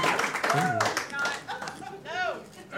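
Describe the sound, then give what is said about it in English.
Scattered, uneven clapping from an audience with a few hands going at once, mixed with murmuring voices and brief laughter throughout. “You could have just not clapped.”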